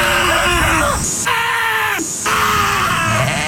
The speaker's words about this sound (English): Those are actual sheep screaming. They're all over the internet. You can find it. But those are sheep screaming.